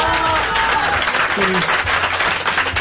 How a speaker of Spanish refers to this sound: Fíjense qué bonito. Un aplauso, un aplauso.